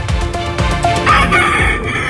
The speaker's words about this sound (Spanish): Y esto que escuchan son gallos de verdad, intervenidos en un criadero ilegal de Alhaurín el Grande. Un total de 26 gallos de pelea han sido incautados. La Guardia Civil destaca las lamentables condiciones en las que se encontraban estas aves.